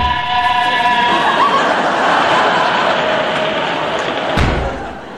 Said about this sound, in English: a train just ran through your cellar.